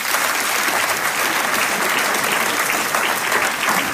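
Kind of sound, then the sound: crowd, audience applauding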